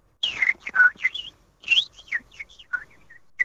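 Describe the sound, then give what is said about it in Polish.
A man, the Polish champion in imitating birds, whistles an imitation of birdsong on a Friday morning, a lively run of rapid chirps, trills and swooping tweets in quick bursts with brief pauses, clear with no talking. “mistrz Polski w naśladowaniu ptaków w piątek o poranku.”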